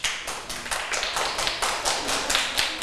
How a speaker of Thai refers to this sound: ปรบมือให้ตัวเองและปรบมือให้เพื่อนด้วยค่ะ